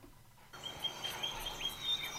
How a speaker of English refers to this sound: Oh, there are the birds.